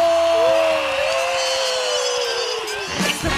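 An audience applauds and cheers as a woman performer is introduced on a radio show, in a dense, steady wash of clapping and crowd noise that stays loud for a few seconds before briefly thinning out at the end.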